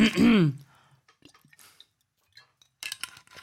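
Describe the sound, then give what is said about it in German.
A strained vocal gasp, then quiet wet swallowing and small liquid clicks, ending in a brief rough burst of sputtering as someone chokes on a sip of water. “Aber vorher muss noch ein Schluck Wasser rein, jetzt habe ich mich aber verschluckt.”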